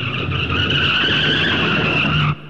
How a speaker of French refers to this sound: Et savez-vous ce que fit O'Malley? Il sauta sur le capot, toute grippe de là, et obligea le chauffeur à demi mort de peur à freiner en catastrophe.